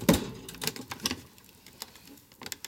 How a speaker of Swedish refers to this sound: På dagarna går de på föreläsningar och på nätterna samlas de i en hemlig källarlokal för att trycka flygblad. Tryckaren är manuell. Ett papper i taget.